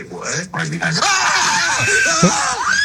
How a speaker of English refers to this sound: I've never heard … scream like that.